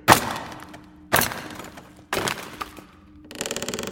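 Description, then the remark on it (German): Three sharp metallic strikes about a second apart, each with a ringing decay, followed by a rapid rattling, as a hammer and chisel are used to pry open a heavy crate. “Mal sehen, ob wir das schwere Ding nicht aufkriegen. Und? Hast du was? Ja, hier ist ein Hammer und ein Meißel.”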